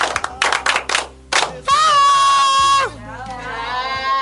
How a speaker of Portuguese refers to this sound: Palmas para Deus!